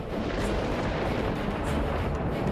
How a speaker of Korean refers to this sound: 번개가 치고 폭풍이 오네요.